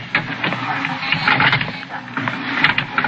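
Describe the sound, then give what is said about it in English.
An elevator motor clicks and whirs steadily while the door strains against it but stays open and the elevator does not move, a busy mechanical rattle with irregular sharp ticks running throughout at fairly loud level, no voices. “Now, the motor clicked and the door strained, but stayed open.”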